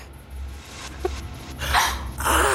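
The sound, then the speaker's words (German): A dog barks a few times in short, sharp bursts over a low, steady rumble, the later barks louder and rougher than the first, on a street beside a park. “Wir bringen den Hund jetzt zu seinem Herrchen.”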